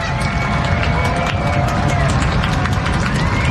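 Baseball fans at Hadlock Field in Portland bang on the bleachers in the tight ninth inning of a Sea Dogs–Somerset game: a steady, heavy rumble of many feet stomping and banging, with rapid overlapping thumps and a constant roar of crowd noise underneath.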